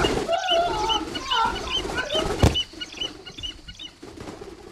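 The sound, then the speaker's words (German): A trained bird of prey, its hood just taken off, attacks on command, giving a run of harsh, rising screeches and squawks, with a sharp burst of flapping wings midway before the cries turn quieter and scattered. “Na, dann wollen wir dem Vogel mal die Haube abnehmen.”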